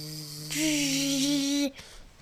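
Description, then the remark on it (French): A voice imitates a mosquito with one steady, buzzing hum held for about a second, fairly loud, then cutting off abruptly into quiet. “Ça fait quoi le moustique? Moustique.”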